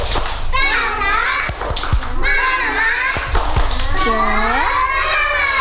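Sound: children's rhythmic clapping chant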